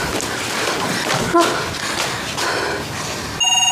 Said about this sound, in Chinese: 啊，接电话，电话响，快。